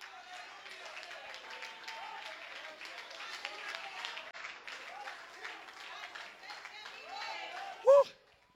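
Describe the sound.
An audience applauds with steady, dense clapping for several seconds, with voices murmuring underneath, then a brief loud shout or cheer rises near the end.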